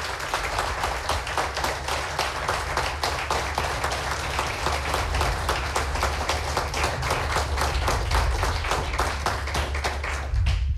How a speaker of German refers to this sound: Und Sie bzw. euch bitte ich um den Wertungs- und Abstimmungsapplaus für Andreas Hamer. Bitte jetzt!